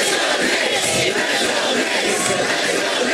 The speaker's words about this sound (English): A large crowd greeted the starting five as they appeared in Midtown on NBC's Today Show just 2 days after their NBA title win.